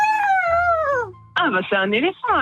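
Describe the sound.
Someone vocally imitates an elephant trumpeting: a long, wavering high cry that slides downward, then after a brief gap, loud, shaky, whinnying bursts that rise and fall.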